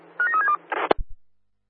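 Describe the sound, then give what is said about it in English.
A quick run of electronic telephone dialing beeps for a phone call to the supervisor on platform 5, several short pitched tones in a row, followed by a burst of noise and a couple of low thumps as the line clicks. “Can you give us a quick phone call, please?”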